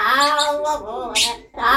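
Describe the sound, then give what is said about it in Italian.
A small pet parrot chatters in a babbling, speech-like voice, with bright harmonic warbles and a brief hissy burst near the end, steady and fairly loud with no other sounds. “Lei ha un pappagallino e mi ha mandato l'audio”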